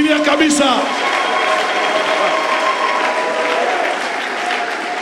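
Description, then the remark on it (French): An audience applauds and cheers loudly in acclaim of God, a dense steady wash of clapping with high shouts and whistle-like cries layered on top, sustained for the whole stretch. “Nous l'acclamons très fort.”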